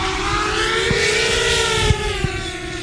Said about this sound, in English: The drone begins its flight guided by a pilot.